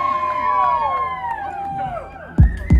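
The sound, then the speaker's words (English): A loud crowd cheers and whoops, many voices overlapping in rising and falling yells, with a couple of heavy thumps near the end. “What a crowd, man.”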